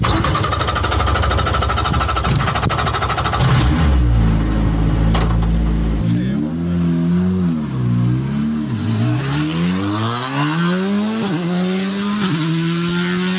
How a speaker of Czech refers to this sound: Je to Fabia RS Rally 2, nejnovější auto od Škodovky, vyhrává to závody mistrovství světa, rozhodně jedno z nejlepších auto na světě ve své třídě.